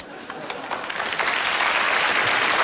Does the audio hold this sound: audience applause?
yes